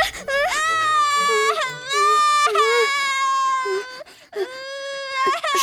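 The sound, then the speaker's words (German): Loud, bitter wailing cries in three long, drawn-out bursts with brief gasping breaks, continuous, a voice performing the sobbing of a baby stag beetle that has just been woken from sleep. “Das Weinen ist so laut, dass Maja und Willi davon aufwachen und zu Hilfe eilen.”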